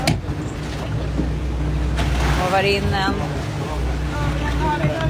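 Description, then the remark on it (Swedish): Water sloshes and laps steadily around a small boat, with two yellow balls riding in the waves, beneath a constant low rumble, while people talk briefly over the top. “Det är två gula bollar som åker runt i vågorna.”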